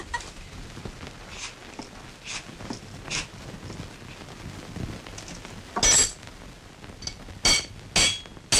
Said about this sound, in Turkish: Şu çekiç bile dringi dengin ediyor.